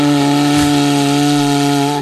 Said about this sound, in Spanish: Que si alguien quiere hacer una demostración de cómo se toca el cuerno bocinero dignamente, yo no, porque era un regalo